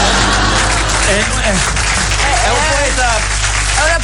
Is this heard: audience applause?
yes